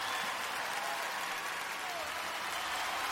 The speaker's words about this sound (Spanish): ¿Cuántos le pueden dar un fuerte aplauso al Señor?